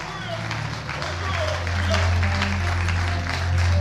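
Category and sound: crowd, audience applauding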